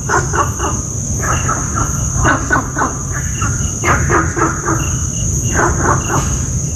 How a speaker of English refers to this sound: I have for you an audio recording of Gunther's frog in Singapore. Riveting barks, but no rivets is heard.